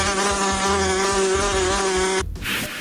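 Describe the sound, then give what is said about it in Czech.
A wasp buzzes loudly and steadily for about two seconds, a droning, harmonic-rich hum at an even pitch, then cuts off abruptly into a short hiss of noise. “Před každým napitím se raději podívejme do plechovky anebo do sklenice, jestli tam není nezvaný okřídlený návštěvník s žihadlem.”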